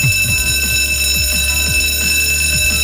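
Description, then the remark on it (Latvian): A school bell rings at a school on 1 September, continuously and loudly for about three seconds, a bright metallic jangle with a rapid, steady clatter of strikes underneath and no voices. “Bija zvans arī skolā.”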